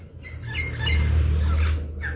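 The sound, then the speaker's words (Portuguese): A free, wild parrot squawks nearby in short, scattered bursts, with several harsh calls across two seconds, set against a steady low outdoor rumble like wind or handling noise. No one speaks. “Tem um papagaio aqui pertinho. Olha o canto dele, tão lindo.”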